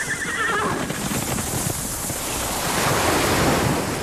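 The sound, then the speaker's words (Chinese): Steady, loud ocean surf rushes continuously with a windy roar, swelling slightly toward the end; a brief horse whinny sounds at the very start. No one speaks. “大海。”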